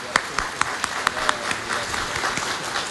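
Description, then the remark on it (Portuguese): A church crowd applauds to welcome children and their families, opening with a few sharp, evenly spaced claps that quickly blend into a steady, dense patter of hands at moderate volume. “Uma forte salva de palmas acolhendo essas crianças, as suas famílias.”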